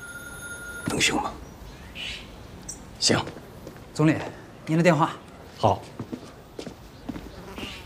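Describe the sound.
A telephone rings with a steady, bright electronic tone for about a second at the start, then stops; footsteps, shuffling and brief voices follow. The call is for the Premier.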